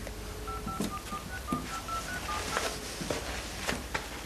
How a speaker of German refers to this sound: Probier's einfach noch einmal. Ja, ich mach mal Wahlwiederholung.